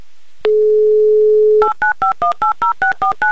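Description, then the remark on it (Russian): A steady, low telephone dial tone hums for about a second, then nine quick touch-tone beeps follow in an even rhythm as a number in Chelyabinsk is dialed for a second call attempt. No one speaks. “А совершим вторую попытку, попытка номер два. Позвоним еще раз в Челябинск”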